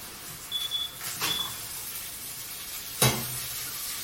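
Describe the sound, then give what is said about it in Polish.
About 400 grams of shrimp sizzle steadily in a hot pan, with a few louder hissing bursts as water with lemon juice is gently poured over them, the sharpest flaring up near the end. No one speaks. “Polewam delikatnie.”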